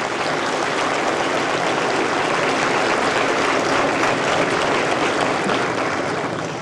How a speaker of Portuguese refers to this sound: Gostaria de solicitar palmas para esses mestres.